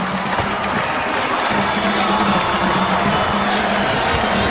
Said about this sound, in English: All the fans on their feet and clapping, the lights in synchronization as they flash on and now come back to full power.